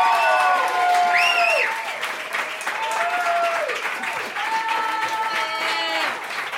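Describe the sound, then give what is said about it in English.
A crowd in Cleveland claps loudly and steadily throughout, with whoops and shouted cheers rising over the dense applause, greeting performer Beth Stelling. “She could be in L.A., so start clapping right now for Beth Stelling, y'all!”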